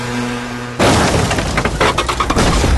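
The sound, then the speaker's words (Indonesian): After a low steady hum, a sudden loud crash of a motorcycle accident bursts in, followed by about two seconds of shattering glass and clattering debris. “Ih, apa kaya? Kecelakaan apa?”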